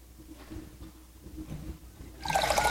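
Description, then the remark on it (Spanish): After two seconds of quiet low rumble, water suddenly gushes from a tap, a loud, steady rush of running water that continues to the end. “Quiero salir el agua limpia y segura, y es tan natural como abrir la llave.”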